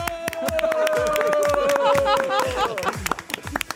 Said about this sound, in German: Applaus von euch selber an euch selber, ja?